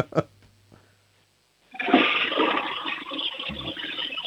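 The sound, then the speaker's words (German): A toilet flushes: a short click, a brief pause, then a loud, steady rush of swirling water that keeps going to the end. “Super tolle Klospülung”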